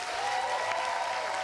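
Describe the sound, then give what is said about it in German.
Sustained audience applause after a stage performance by an ensemble, a dense wash of many hands clapping at steady volume with no pauses, filling the whole moment without any voices rising above it. “Ich war total überwältigt vom Applaus.”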